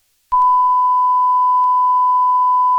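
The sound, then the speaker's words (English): A dispatch radio alert tone kicks in abruptly and holds as one loud, steady, high electronic beep for a few seconds, with no voices. “It's a lot of beeping.”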